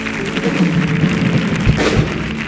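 Loud, sustained audience applause and ovation, a dense wash of clapping that holds steady throughout with a couple of dull thumps mixed in.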